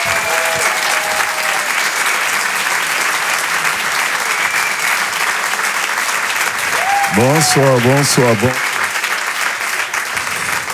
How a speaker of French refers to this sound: Derrière ce personnage, vous allez voir et vous allez découvrir un artiste qui maîtrise vraiment le stand-up. Je vous demande de l'applaudir très chaleureusement. Voici Patson sur Rire et Chansons.